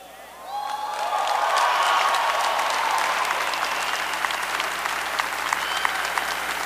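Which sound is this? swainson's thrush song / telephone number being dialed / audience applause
audience applause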